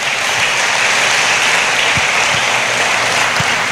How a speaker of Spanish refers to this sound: Dele la gloria a Dios con un fuerte aplauso en esta noche.